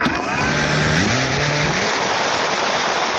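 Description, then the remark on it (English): A military drone buzzes loudly and steadily at the former Soviet military base in Milovice, northeast of Prague. Its low motor drone steps up slightly in pitch early on, wrapped in a constant rushing, whining hiss that continues throughout. “This buzzing is becoming one of the defining sounds of modern warfare.”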